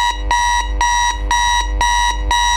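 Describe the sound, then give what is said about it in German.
An alarm clock rings at 6 a.m. with loud, rapid electronic beeps, about five harsh buzzing pulses in a steady, insistent rhythm, with no voices. “Bis dann der Wecker zuschlägt.”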